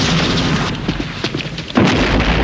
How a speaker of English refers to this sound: Outside, gunfire is exchanged. An explosion sends a guard flying over the railing. Draco's men fight their way into the building, led by Bond.